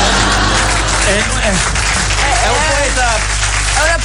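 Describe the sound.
Steady, dense applause fills the whole few seconds at close range, with a man's voice talking over the clapping.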